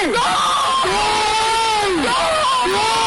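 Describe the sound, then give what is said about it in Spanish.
A stadium crowd of Zaragoza football fans erupts in a loud, sustained roar of cheering after a goal struck from very long range, with high shrieking and yelling voices rising and falling above the dense wall of sound. “¡Gol! También podría ser yo gritando.”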